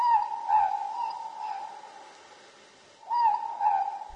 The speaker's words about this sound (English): The Ruru, the Moor Pork.